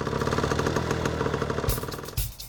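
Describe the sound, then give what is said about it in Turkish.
A small carbureted engine idles steadily with a rapid, even putter and a low mechanical chug, with a couple of brief louder bursts near the end, running on fresh fuel after its carburetor was refitted, on a second start attempt. No one speaks. “İçerisi duman altı olmuş olabilir ama bu sefer hem çalışıyor hem de rölantide kalıyor.”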